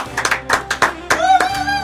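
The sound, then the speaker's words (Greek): A scattering of sharp hand claps from 4Ε6, about seven in under two seconds, landing in a loose, uneven rhythm over a steady tonal hum, with no one speaking. “Και από το 4Ε6 χειροκροτάνε.”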